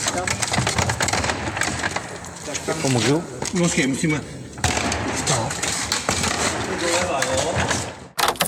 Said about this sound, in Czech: Po kamenné dlažbě Zákupského zámku přetahují zaměstnanci z kamionu poslední ze 13 historických kočárů. Sbírka byla dosud vystavená na zámku v Děčíně.